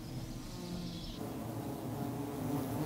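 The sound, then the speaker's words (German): A dense, steady buzzing of a recently settled honeybee colony in the hollow of a thick, old beech tree, a continuous droning hum that holds throughout without pause, with no voices present. “In der dicken, betagten Buche gedeiht das vor kurzem eingezogene Volk derweil prächtig.”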